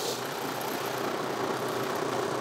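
A six-cylinder engine rumbles steadily at idle, a continuous drone with even loudness and no voices throughout.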